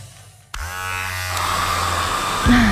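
An Iskra electric shaver, a personal care appliance, switches on abruptly and buzzes steadily with a dense, harmonic hum, its pitch rising slightly toward the end. No voices, just the continuous motor drone.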